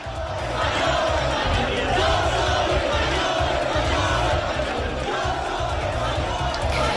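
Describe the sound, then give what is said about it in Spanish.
A large crowd boos and shouts insults at Spanish Prime Minister Pedro Sánchez as he arrives at the National Day (Fiesta Nacional) military event, a loud, continuous roar of overlapping angry voices that fills the whole stretch without letting up. “Abucheos e insultos ha escuchado el presidente del gobierno a su llegada.”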